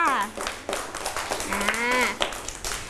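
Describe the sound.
A group of children clap in a brisk, scattered burst of applause, the sharp hand claps mixing with voices talking and calling out over them.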